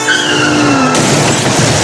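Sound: car tires skidding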